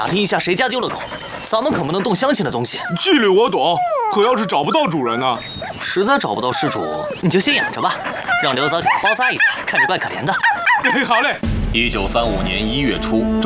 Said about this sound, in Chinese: 你们看，我救了一条狗。